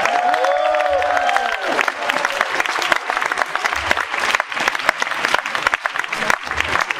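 Sustained audience applause fills the whole stretch, dense overlapping claps from a sizable crowd, fairly loud and steady, with a brief whistle-like cheer rising early on.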